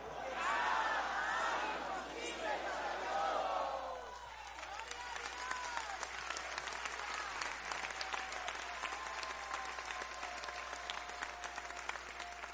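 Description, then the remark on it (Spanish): A large audience shouts the Spanish phrase "porque nada hay imposible para Dios" together at full volume after a count of three, then the voices give way to steady, sustained applause and scattered cheering that continues to the end. “Voy a contar 3 y usted lo va a gritar a todo pulmón.”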